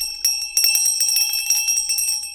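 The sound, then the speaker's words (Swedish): A small bell on an art installation, attached to a gynecological chair placed behind a wall, rings rapidly and continuously, its bright metallic strikes tumbling over one another for a couple of seconds, loud with no voices. “Installationen består av en gynekologstol placerad bakom en vägg med en tillhörande klocka.”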